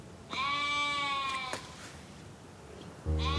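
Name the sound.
sheep bleating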